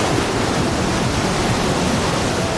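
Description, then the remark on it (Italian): Ocean waves wash steadily beneath the Santa Monica pier in California, a dense, unbroken roar of surf with no distinct crashes, loud, and no voices. “Sul pier di Santa Monica, accarezzato dalle onde,”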